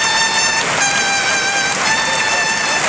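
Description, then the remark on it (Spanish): A bullring clarion at La Maestranza in Seville blares a long, steady trumpet note, bright and loud, held for about three seconds over a constant roar of the standing crowd, with a brief swell partway through, as Luis Blázquez retires from bullfighting. “Y el clarinazo. El clarinazo.”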